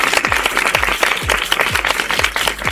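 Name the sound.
round of applause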